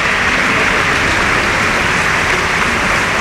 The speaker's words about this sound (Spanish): Cuando alcanzamos también el minuto 21, como siempre aplaudiendo la grada del RC Stadium en memoria del eterno capitán Dani Jarque.